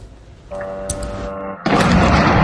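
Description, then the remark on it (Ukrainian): A steady, buzzing mechanical drone hums for about a second, then a loud, powerful explosion bursts in and keeps roaring with a dense, rumbling blast through the end, from a drone attack on the city of Belgorod, Russia, just after midnight on 9 August. “9 серпня, відразу після опівночі, місто здригнулося від потужних вибухів. Дронова атака тривала кілька годин.”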